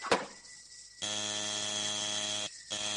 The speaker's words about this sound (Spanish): ¿Quiere dejar de toquetear el timbre?